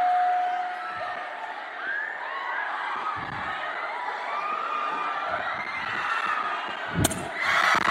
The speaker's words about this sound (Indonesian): Tepuk tangan untuk kita semua.